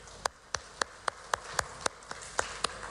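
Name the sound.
audience applause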